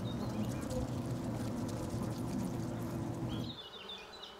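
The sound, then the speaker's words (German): A dense, steady drone of many honey bees buzzing together in a tree hollow, continuous for several seconds before dropping away, leaving faint bird chirps in the background. “Aus Angst, dass sich die wilden mit seinen braven, ertragreichen Hausbienen vermischen, hat der Mensch die Urform der Honigbiene aus dem Wald verdrängt.”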